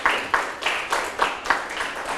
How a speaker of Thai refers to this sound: ปรบมือให้เพื่อนทั้ง3คนเลยนะครับ